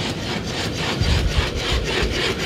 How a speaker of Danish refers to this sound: Og så er det bare det mest creepy robotdyr, der kommer løbende. Vi kan lige se en video af den her. Der kommer Spot løbende. Den ligner jo en hund.